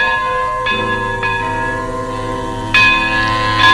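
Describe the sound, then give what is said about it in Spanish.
A large tower bell tolls the hour with loud, resonant strikes, each ringing into a long sustained hum, with several strokes in slow succession and no voices. “Es la campana de la torre dando la hora.”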